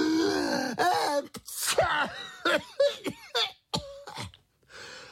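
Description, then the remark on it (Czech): A voice imitates two bumblebee brothers sneezing at once after dust tickled their noses: a string of sharp, breathy gasps and bursts that build up in quick succession, ending in a short sneeze-like burst, with no other speech. “Jakmile je totiž ten prach zašimral v nose, oba bráškové naráz kýchli.”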